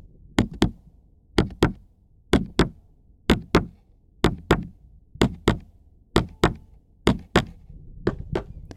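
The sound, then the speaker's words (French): A steady heartbeat: crisp paired thumps, lub-dub, repeating about once a second, fairly loud, with no voices over it. “Le battement de mon cœur.”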